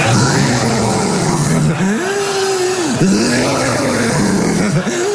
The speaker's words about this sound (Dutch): Ze zegt, echt waar? Hoe klink ik dan? Ik zeg, als jij snurkt, het klinkt als een jeep die afremt op bosgrond.